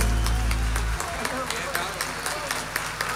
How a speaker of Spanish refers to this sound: Que se prolongue el aplauso para el canto nacional, para estos bailarines que han querido entregar también su arte a la Virgen del Carmen, nuestra madre, reina, patrona de Chile.